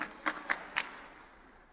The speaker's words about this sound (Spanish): Demos un aplauso al Señor y tomen su lugar. ¡Aleluya!